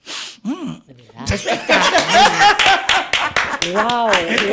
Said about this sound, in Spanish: No me haga tanto aplauso, que te digo 4, oíste.